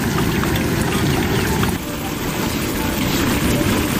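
Battered stuffed eggplant sandwiches (eggplant boxes) fry in hot oil until the coating sets, with a dense, continuous crackling sizzle, loud and steady for about four seconds, easing slightly for a moment midway before picking back up.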